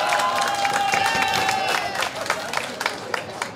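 An audience applauds a parish priest as he is greeted, a dense stream of many hands clapping with a few cheers and a brief whistle-like tone early on, the clapping thinning slightly toward the end.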